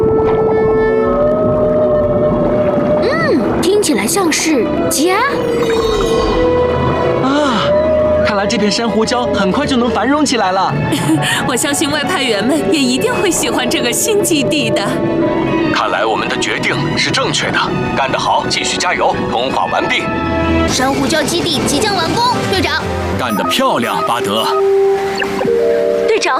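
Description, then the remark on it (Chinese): A healthy coral reef soundscape played underwater near an empty reef to attract marine life: dense crackling and snapping fill the whole stretch while long moaning, whale-like calls rise and fall in pitch over it, steady and loud throughout. “在空荡珊瑚礁附近播放健康珊瑚礁的声音，可以把海洋生物吸引过来。”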